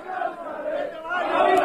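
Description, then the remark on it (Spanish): About 50 to 60 fans cheer and shout together as they welcome the Rayo team bus arriving at the hotel. It is a sustained, rising roar of many voices, growing louder toward the end with a few higher whistles or yells cutting through. “Este vídeo, estas imágenes y este sonido es el recibimiento de los aficionados al autobús del Rayo cuando llegaban al hotel.”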